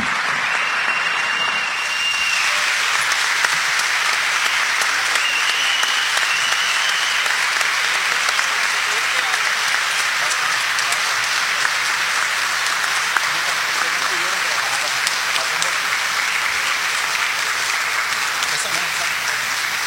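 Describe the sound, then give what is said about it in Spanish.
A large standing audience applauds steadily for the full stretch, welcoming the first lady of the city of Encanto, Dr. Grisel Villanueva Respeto: a dense, even wash of many hands clapping at a constant, fairly loud level without pause. “Recibamos de pie y con un fuerte aplauso la primera dama de la ciudad de Encanto, la doctora Grisel Villanueva Respeto.”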